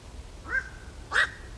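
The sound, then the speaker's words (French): Two harsh, croaking calls of a black-crowned night heron, a hoarse single "quok" each, spaced about half a second apart, moderately loud against a quiet outdoor background with no talking. “Alors justement, on en diffuse un petit extrait là qu'on écoute tout de suite pour se rendre compte de ce cri de cet oiseau du bio-ro gris.”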